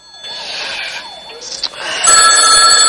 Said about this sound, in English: The phone rouses Joan on the sofa.